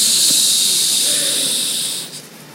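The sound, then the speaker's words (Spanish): A voice makes a long, steady hissing "shhh" to imitate sand trickling through an hourglass. The bright, airy hiss holds for about two seconds, then fades and stops. “Hago así porque era un reloj de arena, ¿verdad?”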